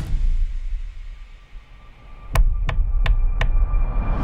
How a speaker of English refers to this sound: That was her knocking on the window of his car after he made the wish.